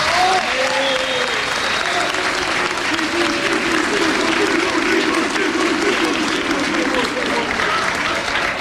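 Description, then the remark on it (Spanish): A crowd applauds steadily for several seconds, a dense, even wash of clapping that holds its loudness throughout, with faint voices and cheers mixed underneath, applauding a woman the speaker thanks for backing the team in hard times. “Por favor, un aplauso para ella.”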